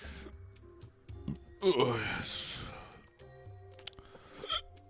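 A sudden hiccup from a man speaking Polish, followed right after by a short, throaty burp, a brief loud burst standing out against quieter vocal murmurs before and after.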